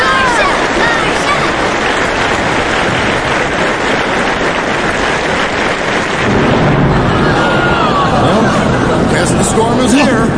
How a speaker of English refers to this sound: Oh, that's quite a storm. All right, get comfortable, everyone. Looks like we may all be here for a while.